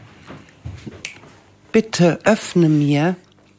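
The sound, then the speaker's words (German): A voice imitates a frog croaking: a short burst of loud, throaty croaks with bending pitch, the final one drawn out, after a quiet stretch of soft breathy sounds. “Er quakte:”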